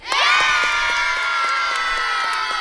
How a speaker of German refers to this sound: Vielleicht noch ein abschließender Jubel.